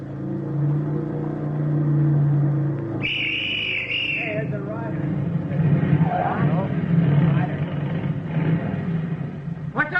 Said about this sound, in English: At 10:18 on the third mile of the road, the platoon heard a motorcycle coming from the direction in which they had come.